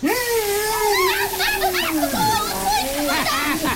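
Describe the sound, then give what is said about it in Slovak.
Steady hiss of water spraying and splashing like a shower, leaving someone completely wet, while a voice makes gliding, exclaiming vocal sounds over it for the whole stretch. “Som úplne mokrá. Uj, to je hrozné. Asi z toho umriem. Ale. Dobrá sprcha ešte nikomu neublížila.”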